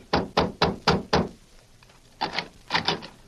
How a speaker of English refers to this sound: Convinced that Sheriff Flint's suspicion of Jeff as an outlaw and murderer was sound, the marshal, with Flint and Dutch, knocked on the door of the youth's home.